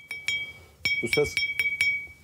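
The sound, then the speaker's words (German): A fired clay pot, just out of a potter's cooled kiln in Cappadocia, is tapped about seven times to check its firing quality, each tap giving a bright, high ringing ping that lingers briefly, a sound of a perfectly fired pot, with a short murmur of voice in the middle. “Dieses hohe Plingen gibt es nur, wenn das Gefäß perfekt gebrannt wurde.”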